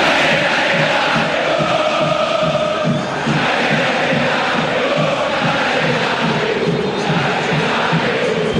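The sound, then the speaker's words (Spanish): A huge football stadium crowd of Boca fans shouts and roars continuously, a dense, loud wall of voices that holds steady throughout with a slightly pulsing, chant-like rhythm underneath. “Y grita la gente, escuche la gente de Boca, escuche.”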